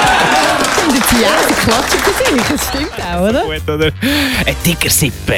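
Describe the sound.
A loud crowd clapping and cheering, the applause blending with many raised, overlapping voices and shouts throughout the few seconds.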